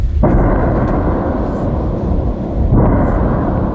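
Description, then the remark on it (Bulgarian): Two heavy explosions at an ammunition depot of a military plant near Tryavna, shortly after 10:30 in the morning, boom about two and a half seconds apart, each followed by a deep, rolling rumble that fills the whole clip. Loud and continuous, with no voices. “Малко след 10:30 сутринта се чуват взривове.”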